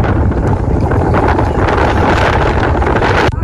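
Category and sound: nature, strong wind blowing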